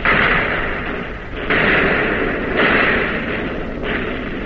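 Heavy naval guns fire in battle, loud booming blasts landing roughly every second or so and blurring into a dense, continuous roar of noise with no voices.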